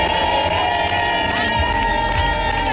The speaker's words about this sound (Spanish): Lo han cantado todo y a las jóvenes les ha tocado aprenderse el cántico de guerra, el que les ha enseñado la capitana Alba Torrens y que lleva en ese vestuario muchos años.